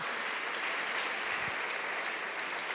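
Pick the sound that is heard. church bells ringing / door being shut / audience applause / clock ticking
audience applause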